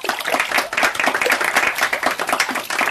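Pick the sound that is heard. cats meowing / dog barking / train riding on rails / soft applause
soft applause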